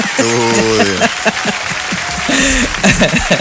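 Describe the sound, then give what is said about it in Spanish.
A burst of spontaneous clapping from the studio audience, with excited voices whooping and calling out over it, steady and fairly loud for a few seconds before the cheers rise again near the end. “Eso, nos ganamos un aplauso espontáneo del público presente en el estudio.”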